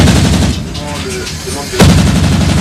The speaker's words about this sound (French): Et là, nous sommes en entraînement pour le tir. Donc, on va tirer avec le canon de 100 mm, le canon de 20 mm et la mitrailleuse arrière sur des ballons qui simulent des aéronefs qui nous arrivent dessus à grande vitesse.